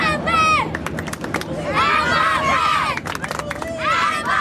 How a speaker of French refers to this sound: C'est bien sûr le capitaine Kylian Mbappé, superstar aux États-Unis et idole des Américains. Dès qu'il a adressé un geste vers la tribune, les supporters sont devenus totalement fous.